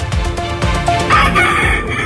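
Several fighting roosters crow over one another in a loud, dense chorus, their drawn-out calls overlapping continuously with a few clucks mixed in, with no one speaking; they are 26 fighting roosters seized by the Guardia Civil at an illegal breeding farm in Alhorín el Grande.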